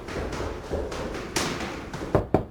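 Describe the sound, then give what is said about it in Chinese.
A series of knocks on a door in the early morning light, several soft, muffled raps followed by two sharper, louder knocks near the end, with no voices. “细微晨光里有一种温暖，叫我在等你来敲门。”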